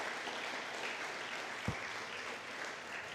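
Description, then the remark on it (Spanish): A church audience claps for Christ steadily, a dense wash of many hands, with one brief low thump partway through and no voices standing out. “Denle un fuerte aplauso a Cristo, aleluya.”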